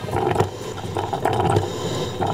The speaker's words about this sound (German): Riecht ja auch angenehm noch Kaffee, bei Ihnen zu Hause vielleicht auch, aber das hier ist meine Kaffeemaschine. Das ist die eine Möglichkeit, wie gesagt, so ein bisschen zu Porsche zu kommen.